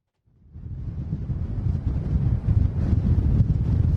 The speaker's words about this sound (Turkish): aslında sizlerin de bahsetmiş olduğu gibi dün sabah saatlerinden itibaren İstanbul'da etkili olan kuvvetli bir rüzgar var. Dün akşam saatlerinde özellikle o kuvvetli rüzgar saatte 100 kilometre hızlara kadar ulaşmıştı